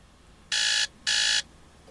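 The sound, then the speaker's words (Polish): A phone alarm tone plays two loud, buzzy electronic beeps in quick succession, each lasting about a third of a second, with a short gap between them and quiet around them. “I to są wszystkie dźwięki alarmów.”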